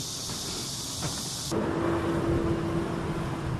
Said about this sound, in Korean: 그날 오후 게장에 중요한 재료인 간장을 실은 트럭이 도착했습니다.